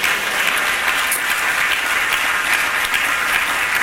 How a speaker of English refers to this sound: Clap your hands, say praise the Lord.